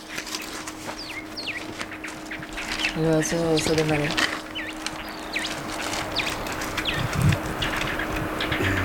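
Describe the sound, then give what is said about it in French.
A small bird sings in quick, high-pitched chirps and warbles throughout in the Elqui Valley, Chile, over a steady low outdoor hum and a brief burst of lower voice-like sound midway. “Petit oiseau.”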